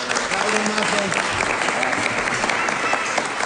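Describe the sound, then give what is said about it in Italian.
Steady, dense applause from a sizable audience after a speech fills the whole stretch, a continuous wash of clapping with no pauses, while a voice speaks faintly underneath. “Prego, venga anche lei, applauso anche a lei.”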